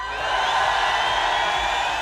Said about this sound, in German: Und in diesen Jubel kommt unsere Zahl.